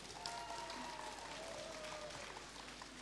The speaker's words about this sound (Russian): Мы рады приветствовать вас на первой в России интернет-радиостанции для незрячих «Радио Рансис», которую предлагаю начать с ваших бурных аплодисментов.